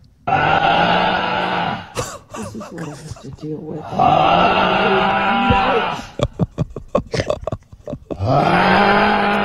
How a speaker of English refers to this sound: I'm just going to do it. I'm just going to film my husband snoring. Yeah. Listen to him snore.